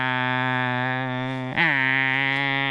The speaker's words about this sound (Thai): จักรจันทร์พวกนี้มันก็เจาะเปลือกต้นไม้ทะลุไปดูดกินน้ำจากต้นไม้ที่อยู่ภายในต้นไม้ตัวผู้มันจะทำเสียงแข่งกันที่เราได้ยิน